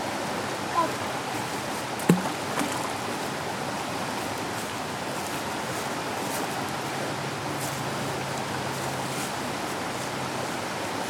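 water splashing

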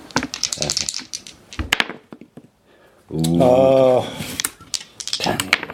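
dice being rolled

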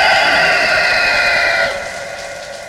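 rooster crowing

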